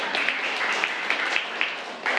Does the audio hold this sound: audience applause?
yes